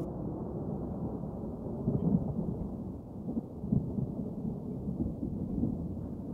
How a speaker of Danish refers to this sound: Og mens tordenvejret buller i det fjerne